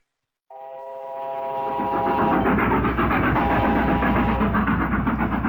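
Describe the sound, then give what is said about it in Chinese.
A northbound train rushes across the North China Plain, opening with a sustained whistle tone that gives way to a loud, steadily building rumble and rapid rhythmic clatter of wheels. “一列北上的火车在华北平原疾驶”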